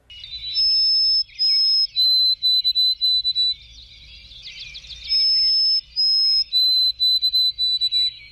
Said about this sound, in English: I note that among the declining bird songs, there is one that perseveres and strikes a careful note in my ear, a lovely note, and that is the song of the white-throated sparrow.